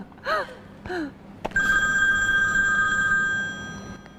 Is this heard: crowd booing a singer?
no